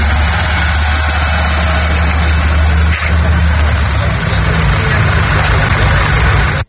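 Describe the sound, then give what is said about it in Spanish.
A large bus engine idles with a loud, steady low rumble, running continuously for several seconds with faint background noise, as buses arrive and leave at a slow pace in the morning. “Junto a ese movimiento de personas, la mañana dejaba también la llegada de autobuses, eso sí, a un ritmo lento, así se marchaban.”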